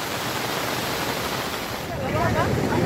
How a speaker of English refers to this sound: Flash floods triggered by heavy rainfall has caused massive damage in Bela colony. Vehicles have been swept away by flood waters.